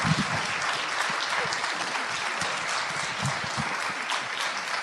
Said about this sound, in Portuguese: Nossos aplausos, porque é o mínimo que a gente pode fazer.